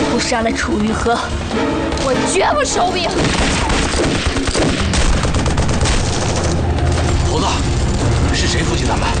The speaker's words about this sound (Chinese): 您听见远处传来的爆炸声和枪声了吗？我没注意。我注意了。